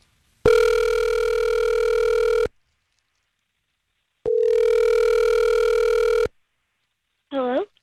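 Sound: outgoing phone call ringing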